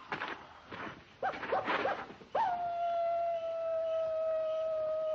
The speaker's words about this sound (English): That's just a coyote. Just a coyote.